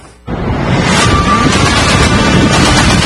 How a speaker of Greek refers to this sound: Ερασιτεχνικό βίντεο καταγράφει τη στιγμή που πινακίδα πέφτει πάνω σε πεζό, καθώς άνεμοι που έφταναν τοπικά τα 7 μποφόρ σάρωσαν την Κωνσταντινούπολη.